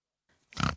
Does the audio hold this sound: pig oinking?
yes